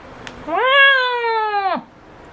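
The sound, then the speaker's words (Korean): A single long, loud meow from a large cat named Doryeonnim, rising at the start and holding steady before dropping off sharply, clear with no talking. “도련님은 현우의 마음을 읽은 듯 크게 울었다.”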